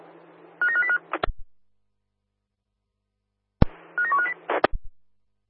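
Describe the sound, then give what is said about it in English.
Two short bursts of electronic telephone tones, like keypad dialing beeps, each ending with a sharp click and separated by a few seconds of silence, as a phone call is placed to stadium staff at Claysbrook. Fairly loud, with no talking. “Yeah, stadium at Claysbrook, give us a call.”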